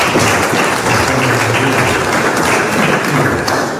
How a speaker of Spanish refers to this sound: Aplausos, por favor.